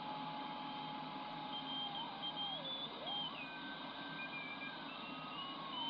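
Morse code tones come through a shortwave receiver in sideband mode, tuned around 9860, thin beeping whistles drifting in pitch over a steady, dense hiss of radio static, with no voices.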